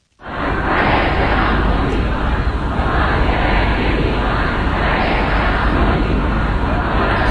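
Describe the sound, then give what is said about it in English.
A huge crowd of mourners at Khamenei's funeral in Mashhad, Iran, shouts slogans together against any compromise with the US and denouncing American and Israeli leaders, a dense, continuous, loud roar, the massed voices swelling and pulsing steadily throughout with no single speaker standing out. “Well, we can hear there mourners who filled the city of Mashhad for the last several days of funeral proceedings.”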